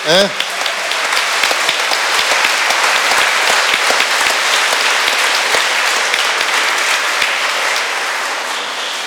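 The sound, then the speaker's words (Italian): An audience applauds the three new seminarians steadily for about nine seconds, a dense, even wash of many hands clapping at a fairly loud level, with a brief voice at the very start before the clapping takes over. “Facciamo anche un applauso ai tre nuovi seminaristi, però ne vedo solo due, sono dietro.”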